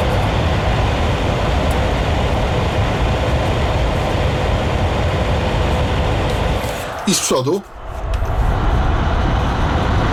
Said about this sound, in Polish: Czy z tyłu, czy z przodu mam wrażenie, że ten szum i ten hałas jest dość równy. Aha, w przypadku tego wentylatora.